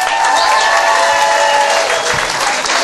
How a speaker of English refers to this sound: Also, have a round of applause for your wait staff.